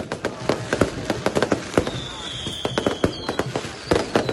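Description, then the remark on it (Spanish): Rapid volleys of firework rocket bangs and crackles burst continuously, some sharp, others softer, with a brief whistling rocket trail rising partway through, set off during festivities at el Lolo. “No dejaron dormir a Camilo, a mi perro. Sabulla, metían más cohetes.”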